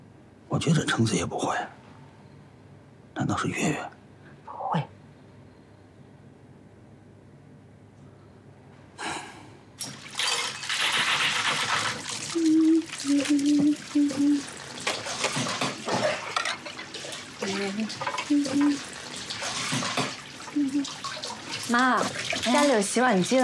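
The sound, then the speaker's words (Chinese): A tap runs in a steady stream from about midway, with the soft splashing of dishes being washed by hand at home, where there is a dishwasher. Brief talking comes before the water starts and continues faintly over it. “妈，家里有洗碗机了，不用手洗。”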